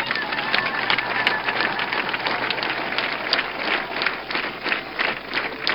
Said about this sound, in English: Everybody stand up and clap for Jesus.